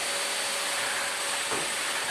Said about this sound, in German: Einfach vorher nochmal schnell durchsaugen.